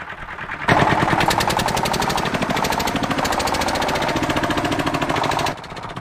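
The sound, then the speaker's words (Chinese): A loud tractor engine chugs with a fast, steady rhythmic knock, starting abruptly after a quiet moment and running for several seconds before dropping away. Free-range chickens have learned to follow its sound during their twice-daily walks. No one speaks. “现在溜达鸡已经养成习惯，听见拖拉机的声音，条件反射就会跟着跑。”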